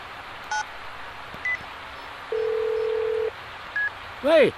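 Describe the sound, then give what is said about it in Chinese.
A few brief keypad beeps sound as a phone call is placed from a car stopped at Yanhe East Road, followed by one steady, one-second ringback tone on the line, then a voice starts to answer at the very end. “三位老兄弟呀、啊，我打个电话啊。”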